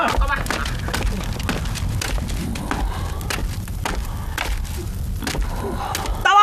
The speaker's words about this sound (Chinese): 快去把门关上，别让孙悟空进来。 哎，是。 关门。